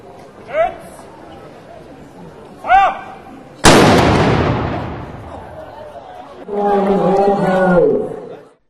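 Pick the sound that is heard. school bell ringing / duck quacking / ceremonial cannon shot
ceremonial cannon shot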